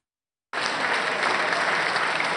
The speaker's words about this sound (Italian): Il feretro lascia la basilica tra gli applausi, poi rimane a lungo nella piazza per l'ultimo saluto da parte dei suoi ragazzi, quelli della comunità Exodus.